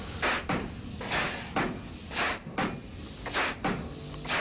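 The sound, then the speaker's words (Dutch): A pile driver pounds a decorated pile in a polder being made ready for building, in a steady rhythm, about eight heavy, sharp thuds in quick pairs, each a loud crash with a brief ringing tail over a constant low rumble. “Bij iedere dreun brokkelt er meer af van de landelijke sfeer.”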